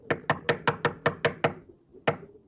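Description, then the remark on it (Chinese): A guard knocks on a door in a quick, even run of about eight sharp raps, pauses briefly, then gives one final knock; crisp with no voices. “郑洞国正在孤独地想着，门口响起了敲门声。”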